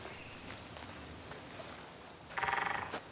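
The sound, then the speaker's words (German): A short, rapid burst of woodpecker drumming in a tree, about a dozen quick knocks in half a second, rings out clearly over a quiet outdoor background of rustling and faint ambient noise. “Da! Ein Specht! Der muss irgendwo hier im Baum sein.”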